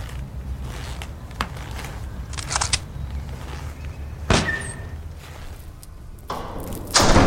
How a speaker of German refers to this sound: Sauberer Schlag, Süße.